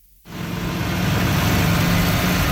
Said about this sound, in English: Bulldozers and dump trucks are busy repairing dozens of damaged roadways from this weekend's major storm.